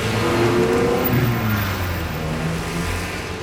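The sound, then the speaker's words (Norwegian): A car engine revs loudly and steadily, its droning pitch rising and dipping over a few seconds with a rough, rumbling undertone. “Lukten av eksos fra biler med blybensin blir den nye bylukten.”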